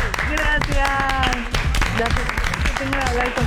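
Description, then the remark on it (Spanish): A burst of applause, dense rapid clapping that stays loud and steady throughout, with voices cheering and talking over the claps. “Tengo para decirte oficialmente, y vendrá el aplauso, que estás en el check-in.”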